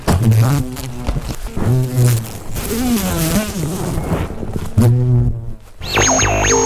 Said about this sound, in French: Mais c'est un mastodonte, il est énorme. Voilà, monsieur l'abeille, qu'est-ce que tu veux dire? Monsieur Bourdon, plutôt que l'abeille.